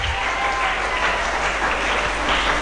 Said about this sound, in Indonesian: Dan juga selamat pagi buat teman-teman siswa dan siswi Madrasah Aliyah Negeri Fakfak. Sekali lagi beri tepuk tangan yang meriah dulu.